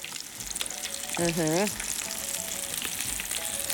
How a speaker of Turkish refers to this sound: Köftelerimizi kızartacağız. Efendim, biz köfteleri kızartalım.